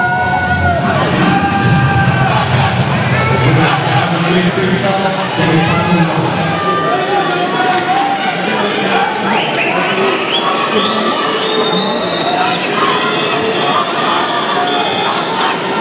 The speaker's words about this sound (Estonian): Kuulake, kuidas nüüd Prantsusmaa publik jälle omale kaasa elab.